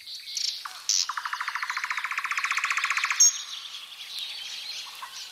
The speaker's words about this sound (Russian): А сейчас только голосов в лесу. И ведь птенцы сейчас пробуют свои голоса, и кто как может, кто в лес, кто под дрова, и не узнаешь, кто же это кричит, и к кому это относится.